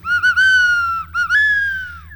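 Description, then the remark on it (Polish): A tawny owl flying low calls twice, each time with a couple of short clipped notes running into a long, wavering, hollow hoot. Loud, over a low rumble with no talking. “Znowu puszczyka, jakbym gdzieś słyszał. Nisko musiał przelatywać.”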